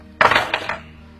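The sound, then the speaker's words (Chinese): A short burst of metallic jingling as a room key is handed over, with a few bright clinks that fade within a second. “拿着房间钥匙。”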